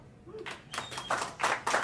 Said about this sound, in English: That's nice. Clap it up. Be proud.